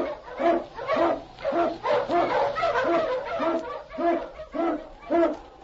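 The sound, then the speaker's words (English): A sled dog, King, an Eskimo lead dog blazing the trail through storm and snow in the Yukon, barks over and over in a quick, steady rhythm, about a dozen loud barks with hardly a pause between them and no voices. “King, the swiftest and strongest of Eskimo lead dogs, blazes the trail through storm and snow for Sergeant Preston as he meets the Challenge of the Yukon.”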